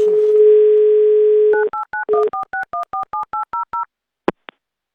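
A phone at Avtoradio redials a listener in the Amur region after a bad connection: a steady telephone dial tone holds for about a second and a half, then a quick series of about a dozen short two-tone keypad beeps, followed by two faint clicks; no one speaks.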